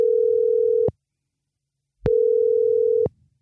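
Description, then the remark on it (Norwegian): A telephone ringback tone as a radio host calls a listener to tell them they have won a trip to England: two steady, clear beeps, each lasting about a second with a pause between them, heard alone without any voices. “Og nå håper jeg at den personen jeg ringer opp blir skikkelig glad”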